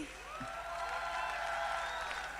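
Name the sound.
audience applause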